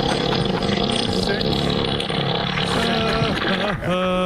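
A loud, sustained low rumble with a raspy, sputtering texture runs for several seconds, rising into tonal, wavering squeals near the end: an elephant farting, its tail raising up as the gas blows out.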